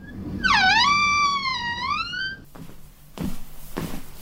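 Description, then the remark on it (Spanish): A loud, wavering whistle of wind howling through a window gap, dipping then slowly rising in pitch for about two seconds, followed by a few short rattling knocks. “te cerré la ventana porque entraba un chiflete.”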